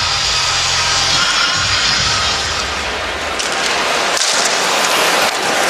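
A hockey arena crowd cheering for the young Chicago team after goals by Renzel and Frondell make it 2-1, in a loud, continuous wash of roaring noise that holds steady for several seconds, with a low droning hum underneath at the start and no speech.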